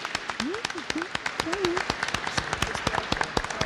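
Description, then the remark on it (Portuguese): A crowd at a baptism applauds with dense, irregular clapping that holds steady for several seconds, while a few brief voiced calls rise over the claps near the start. “Uma salva de palmas, gente, que coisa linda.”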